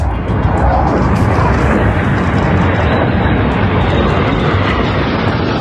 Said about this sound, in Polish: Na płycie lotniska po locie przez Polskę wylądowały pierwsze z polskich F-35.